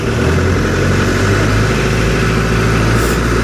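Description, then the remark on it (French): A loud, steady tractor engine rumble, holding a low throbbing drone throughout with a slight rise in pitch as the tractor revs and drives off. “Un jour, vous avez même conduit un tracteur.”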